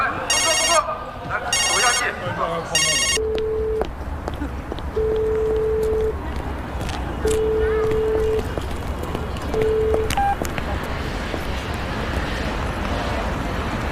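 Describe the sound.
A phone ringtone from someone repeatedly calling sounds in three quick bursts, followed by four steady electronic beeps at regular intervals, all over a constant rumbling background with faint voices.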